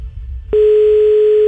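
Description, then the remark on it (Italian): After a brief moment of low line hiss, a loud, steady telephone ringing tone starts and holds as a single unbroken pitched beep, with nobody picking up. “Puttana, non risponde.”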